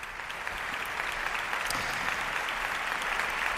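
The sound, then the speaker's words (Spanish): Steady, dense applause from a large audience at an opera and zarzuela gala at the Teatro Monumental in Madrid, for Aquiles Machado and maestro Miquel Ortega, a continuous wash of many hands clapping at an even, fairly loud level with no voices breaking through. “Aplausos ahora mismo para Aquiles Machado y para el maestro Miquel Ortega, para iniciar esta gala de ópera y zarzuela desde el Teatro Monumental de Madrid.”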